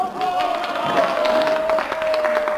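A huge crowd at the Avus racetrack in Berlin, Germany, roars and cheers steadily throughout, a dense wash of many voices with scattered louder shouts and a thin, sustained whine running through it.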